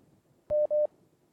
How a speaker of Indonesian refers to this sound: Baik, untuk yang pertama sudah kembali ada telepon yang masuk, kita coba angkat kembali, silakan.